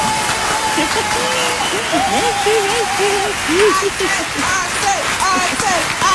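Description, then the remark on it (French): An applause sound effect played on the Radio One show Méli Mélo to welcome a guest on their first time: a crowd bursts into loud, steady applause that fills the whole moment, with excited cheers and whoops rising above the clapping. “Alors, il va falloir nous rappeler de faire les applaudissements.”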